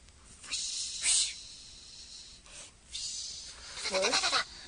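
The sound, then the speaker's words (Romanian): Swishing, rustling bursts of hiss coming down a chimney in several uneven waves, separated by brief lulls. The last, louder stretch carries a short warbling, bleat-like whine mixed into the rustle. There is no talking. “Nu! Acum aud și eu fâșitul acela.”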